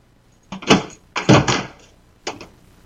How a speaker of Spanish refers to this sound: Y ahora me llaman a la puerta. Yo me voy a cagar en todo, ya.